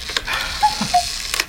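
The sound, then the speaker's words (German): A cuckoo clock ticks softly with sparse, dry clicks, and two short whistled tones sound in the middle, the second slightly lower than the first. “So klingt der Kuckucksuhr.”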